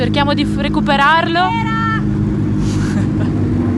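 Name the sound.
race car arriving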